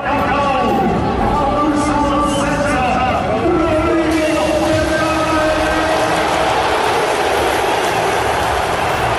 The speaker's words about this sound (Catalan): No, no, ha estat una ovació de gala, l'ovació de la tarda. Se l'ha endut Rodri